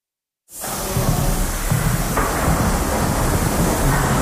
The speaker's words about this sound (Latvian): Šņācošā skaņa, kas mani sagaida Latvijas Mākslas akadēmijā, izstāžu telpā Duo Kronvalda bulvārī, ir no tvaicētāja. Ar tvaiku apstrādā telpā izkārtotos tekstilmākslas nodaļas diplomdarbus, kas veidoti laikā no 1967. Līdz 1989. Gadam.